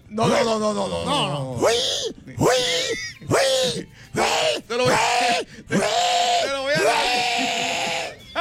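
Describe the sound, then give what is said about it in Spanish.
A man imitates a pig in a game where listeners name an animal to imitate, letting out a rapid series of about eight loud, strained grunting and squealing vocal bursts with rising and falling pitch. “Mi sonido es de un cerdo.”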